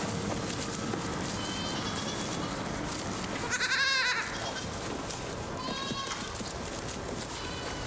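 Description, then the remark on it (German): Young goats bleat a few times against a steady rustling background: faint cries early and late, with one louder, wavering bleat in the middle. “Aber es stimmt, die Schafe waren besser, robuster als die Jungziegen.”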